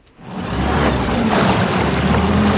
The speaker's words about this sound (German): Die Retter der DLRG Rheinfelden düsen mit ihrem Einsatzboot über den Rhein.